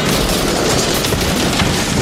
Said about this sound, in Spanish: Nos han derribado, ¿eh? Yo he escuchado un disparo. Era un francotirador de láser.